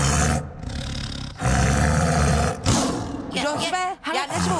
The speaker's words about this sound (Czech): No, promiňte mi to, totiž tady řval pan tygr.